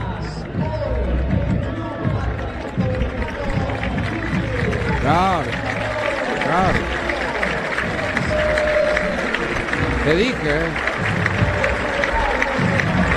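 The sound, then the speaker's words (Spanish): A large stadium crowd at a Huracán football match roars and applauds in a sustained ovation for Francisco González Metilli during a tribute, a dense wash of clapping and cheering that continues steadily under a commentator's voice talking over it. “Escuchá cómo lo van a aplaudir, ¿no?”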